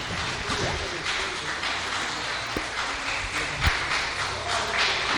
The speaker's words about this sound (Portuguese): Vamos receber a serva de Deus com muitas palmas para glorificar, para exaltar aquele que vive e reina para sempre.